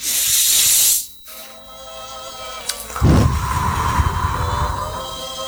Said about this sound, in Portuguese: Eu quero que vocês inspirem, mas eu quero escutar, tá? Mas eu vou mostrar primeiro como eu gostaria a respiração. Me observem agora, escutando, né? Porque não dá para vocês verem. Então, pelo nariz.